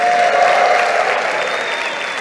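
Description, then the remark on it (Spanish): An audience applauding the servant of the Lord together in a steady, dense burst of clapping, loud and continuous with a faint tonal hum underneath, no speech over it. “Le podemos dar un aplauso al siervo del Señor, al ungido.”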